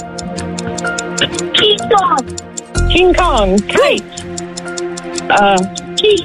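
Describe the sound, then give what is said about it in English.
A 10-second countdown clock ticks steadily and quickly throughout, its sharp, even ticks running under several people talking excitedly over it during a Life 100.7 challenge to name toys starting with the letter K. “10 seconds on my clock.”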